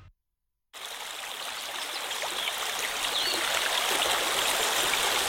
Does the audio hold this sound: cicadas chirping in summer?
no